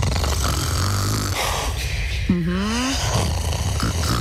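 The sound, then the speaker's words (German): A person snoring in bed in a bedroom at night: a steady, rumbling rasp runs throughout, broken by a couple of wheezy, whistling tones that slide up and down in pitch. “Also wirklich, wenn jemand neben mir schnarcht, ich mag das.”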